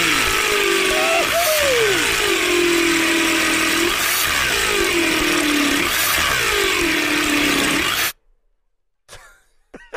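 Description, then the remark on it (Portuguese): An electric drill grinds loudly into concrete for about eight seconds, its motor whine sagging and recovering under load, then cuts off abruptly, leaving near silence and a few faint rustles. “A furadeira parou tudo aí. A furadeira parou.”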